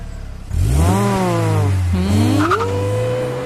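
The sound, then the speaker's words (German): A car engine starts up and revs hard, its pitch climbing steadily, dropping briefly as if shifting gear, then rising again into a loud sustained whine with a faint squeal. “Das wäre für mich sehr gern Autofahrerin”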